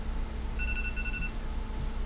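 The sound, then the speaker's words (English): A phone alarm chirps briefly, a short run of high electronic beeps lasting under a second, set against a steady low hum with no one talking. “Somebody's alarm. All our alarms sound the same.”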